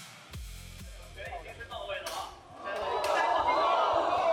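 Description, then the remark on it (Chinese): A series of dull, heavy metallic thuds from two T800 humanoid robots with aluminium-magnesium alloy shells fighting in an octagonal cage ring at Shenzhen Nanshan Culture and Sports Center, heard beside the cage, in quick, uneven succession, resonant, while a noisy crowd murmurs underneath and swells louder toward the end. “这是金属砸在金属身上的闷响。”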